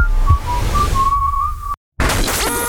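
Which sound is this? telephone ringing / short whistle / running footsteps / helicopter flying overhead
short whistle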